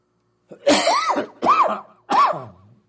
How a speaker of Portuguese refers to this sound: Ai, tosse, eu tô... Começo a chegar aqui, começo a me dar tosse.